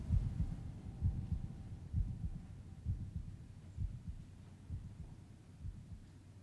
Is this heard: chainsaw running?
no